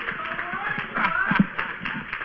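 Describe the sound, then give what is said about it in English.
An audience claps its hands in praise to God in a dense, steady patter of overlapping claps at moderate loudness, with murmuring voices mixed in beneath. “Come on, give God another hand clap of praise.”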